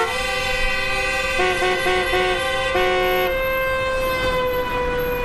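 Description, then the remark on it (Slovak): Car horns blare loudly and nearly nonstop at a slow-moving excavator on a road in sunny weather, one long sustained honk with a second horn joining in short repeated bursts partway through, amid traffic noise and no talking. “Ale och, tie mu úsmev neopetovali, ba naopak, trúbili na neho zo všetkých síl.”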